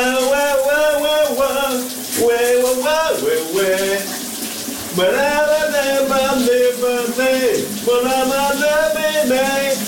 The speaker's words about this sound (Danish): Nu skal vi over til en, som elsker at synge, og det gør han her i radioen hver morgen, live fra sit brusebad.